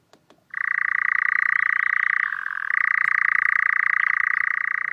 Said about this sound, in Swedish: Den här nattaktiva fågeln, nattskärra, har en vingform som är en kompromiss mellan att flyga långsamt men kvickt byta riktning när den jagar insekter och att flyga snabbt och effektivt när den flyttar på våren och hösten.